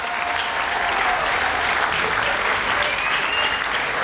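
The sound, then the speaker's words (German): Sustained applause from a large audience at a brass music festival called the Woodstock der Blasmusik, given for all the festival helpers, a dense, steady wash of clapping at a constant loud level for the whole stretch, with no voices standing out. “Ja, ein riesengroßer Applaus natürlich.”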